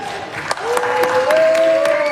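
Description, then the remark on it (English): Republican senators applaud as the US Senate votes 52-47 to approve a $70 billion immigration enforcement funding package, with scattered sharp claps over a steady crowd roar and a sustained rising cheer or whoop running through the middle, all fairly loud for about two seconds. “Republicans cheer as the Senate votes 52-47 to approve a $70 billion immigration enforcement funding package.”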